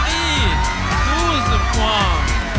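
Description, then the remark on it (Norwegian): The Bulgarian delegation in the Green Room of a song contest cheers and shouts excitedly after receiving 12 points from Australia, with whoops and rising yells piling on top of each other in a loud, continuous burst of celebration. “Altså, de feirer jo som om de har vunnet allerede.”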